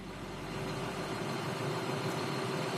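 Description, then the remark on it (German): A tractor engine idles steadily, a continuous low droning rumble with a constant hum, without any voices. “Ja, Traktorfahren ist schon cool.”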